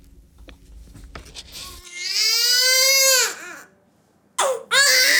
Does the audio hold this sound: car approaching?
no